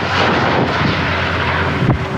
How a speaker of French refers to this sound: Sur place, 700 sapeurs-pompiers sont mobilisés, accompagnés par d'importants moyens aériens. Des hélicoptères bombardiers d'eau, des canadairs, mais aussi des avions Dash.